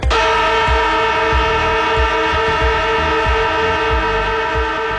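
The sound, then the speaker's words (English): An AFL football siren, played on the radio station Chilli, sounds one long, loud, unbroken blast for the full five seconds, a steady harmonic horn tone with no voices over it. “That is the AFL footy siren”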